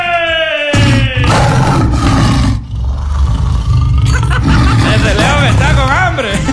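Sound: lion roaring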